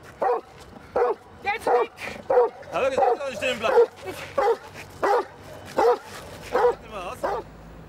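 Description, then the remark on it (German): A giant schnauzer barks aggressively at a stranger during a guard-dog exercise, a rapid series of loud, harsh barks, more than a dozen in quick, steady succession with brief gaps between them. “Bei dieser Übung zeigt der Riesenschnauzer, wozu er fähig ist.”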